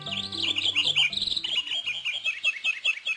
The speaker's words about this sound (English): It's easy to think that most birds, like those we're hearing, prefer the habitats of mature ecosystems. The reality, however, is more varied.